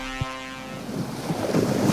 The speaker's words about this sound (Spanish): ¿El sonido de las olas?